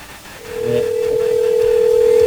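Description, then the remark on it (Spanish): A steady outgoing phone ringing tone from a call placed to a listener's cell phone, a single sustained electronic tone starting about half a second in and holding at even loudness, heard clearly through a phone line with faint background noise. “A ver, ahí está sonando.”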